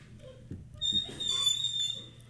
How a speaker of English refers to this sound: Sitting in a squeaky chair. Can you hear? I like this chair. I like all the squeaks.